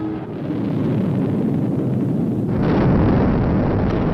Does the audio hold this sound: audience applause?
no